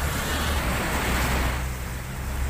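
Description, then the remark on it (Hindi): A vehicle drives through deep floodwater on a flooded road in Mahisagar, making waves; its low engine rumble blends with a steady rushing wash of displaced water for the whole stretch, loud, with no voices. “और ये देखिए गाड़ी निकल रही है तो लहरें उठ रही हैं।”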